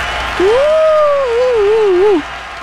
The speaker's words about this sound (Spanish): Gracias, raza, por hacer este programa pues lleno de vida, lleno de actividad por ustedes y para ustedes. ¡Aplausos!